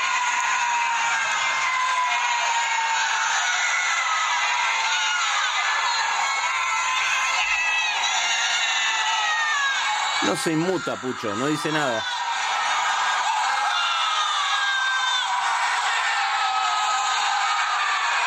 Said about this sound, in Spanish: Ahí están gritando en el balcón. Toda la gente gritando.